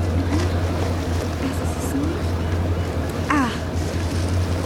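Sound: boat at sea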